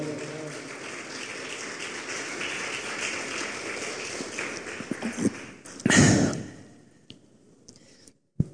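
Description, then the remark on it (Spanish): An audience applauds in a dense, steady patter of many hands clapping for about five seconds, then a few louder bursts and thuds before the clapping fades out. “Y un aplauso, por favor.”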